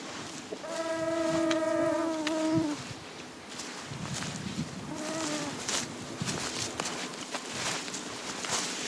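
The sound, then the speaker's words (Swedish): A droning whine of mosquitoes and blackflies hangs for about two seconds, then briefly returns, over steady rustling and brushing as people push through dense leafy vegetation in steep terrain near Tärnaby, Sweden, in summer. “Det är en ojämlik kamp mot mygg och knott när vi tränger oss fram genom den täta lövvegetationen.”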